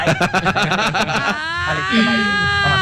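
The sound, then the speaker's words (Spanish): A human voice mimics a horse's whinny: a burst of rapid, stuttering pulses gives way to a long, high, quavering tone that slowly slides downward, loud and alone. “Ey, caballito relinchando esta mañana.”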